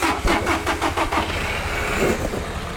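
A car engine cranks over with a quick series of rhythmic bursts, then catches and settles into a steady idle rumble.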